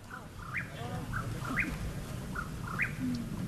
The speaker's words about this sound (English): The teens are on the hunt for the Mexican whippoorwill. It's an elusive bird that comes out at dusk and dawn.